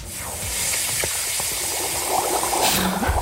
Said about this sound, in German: Soll ich mal zeigen, wie das gestern klang, als ich meine Füße ins Wasser getan habe?